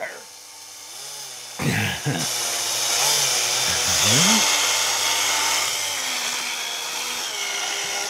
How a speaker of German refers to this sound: So, jetzt haben wir das Loch in die Gurke gebohrt.